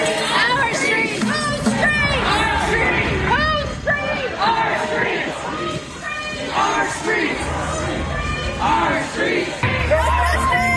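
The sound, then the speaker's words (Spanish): A large crowd of protesters shouts and chants loudly in the street, including "estas son nuestras calles", many voices overlapping in rhythmic bursts with whoops and yells, a dense continuous roar of protest filling the whole stretch. “Ahí están gritando, ¿no?”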